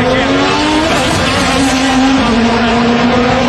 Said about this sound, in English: We can't hear this. I'm sorry. The cars are just too loud.